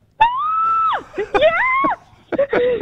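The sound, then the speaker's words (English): Loud, high-pitched excited screaming from a hotel room, three sustained bursts with rising and falling pitch, separated by brief pauses. “We've had some noise complaints about the screaming coming from your room.”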